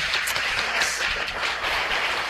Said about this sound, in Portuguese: Vamos dar mais uma salva de palmas para o Padre Anderson.